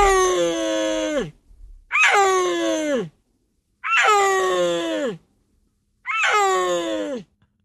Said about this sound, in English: beautiful big cats that live in the Central Asian mountains. Let's listen to a little bit of the sound. What do they sound like? Well, we have some tape that was captured on camera in northwest China in a Chinese national park sometime around 2020.